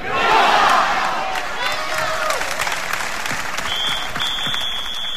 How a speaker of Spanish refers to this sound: Fue precisamente durante la proclamación de este bloque cuando se registraron esos vítores a España y posteriormente se interpretó el himno español.